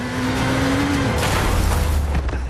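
A revving motorcycle engine drones loudly as it races down an alley, then a sudden crash hits about halfway through as it collides with a passenger car coming from the side, followed by rumbling noise and clatter.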